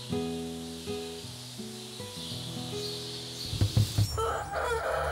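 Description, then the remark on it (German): Fighting chickens crow in long, wavering harmonic calls, followed by a few short, loud clucking bursts and then a scratchy, rustling noise. No one speaks. “Die Kampfhühner sind sehr selbstständig geworden.”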